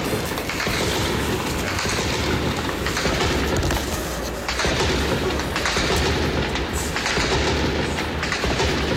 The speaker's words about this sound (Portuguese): Outro ouvinte aqui que preferiu não se identificar, mandou aqui, ouço muitos tiros daqui do Grajaú e encaminhou esse áudio aqui pra gente, ó, o registro que ele fez agora.